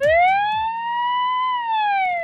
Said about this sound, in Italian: Il suono della sirena non sarà quello al quale siamo abituati. Del resto, quella presentata da una grande azienda nipponica non è un'ambulanza comune. In un futuro molto prossimo potremo vederla sulle strade di Tokyo.